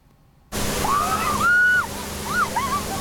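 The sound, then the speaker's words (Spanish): A German police water cannon sprays a crowd to cool people off during a heat wave in Germany, with a loud, steady rushing hiss that starts abruptly and continues throughout, with a few high, sliding calls from people rising above the spray. “La policía alemana utiliza cañones de agua y no es para dispersar a la multitud.”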